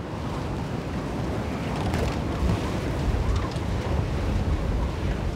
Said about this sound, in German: Schon am Vormittag ist der Pegel 20 cm zu hoch für den Sommerdeich. Noch 4 Stunden wird die Nordsee steigen und der Sturm nimmt weiter zu.